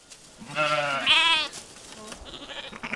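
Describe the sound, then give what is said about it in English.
A flock of Churro sheep, driven by Navajo weavers up the Carrizo Mountains near the Four Corners to a summer sheep camp, bleat loudly, two long wavering calls overlapping in quick succession, followed by fainter, scattered bleats and rustling from the flock. “Navajo weavers are bringing a flock of Chiro sheep up the mountains to a summer sheep camp on top.”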